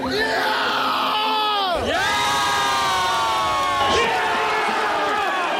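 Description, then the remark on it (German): A large crowd in Münster cheers loudly, celebrating the German national team's 7:1 win over Curaçao in its first World Cup match, with many voices shouting and whooping together in a dense, continuous roar whose pitch swoops down and rises again. “Gestern Abend gab es viel zu jubeln für den Sieg beim ersten WM-Spiel der deutschen Nationalmannschaft.”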